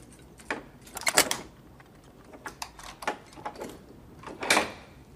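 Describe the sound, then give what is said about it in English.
A series of metallic clicks and scrapes as a large metal key is fitted into a padlock on a door and turned, with a louder rattling click near the end; no voices. “He fits the key into the lock and twists it.”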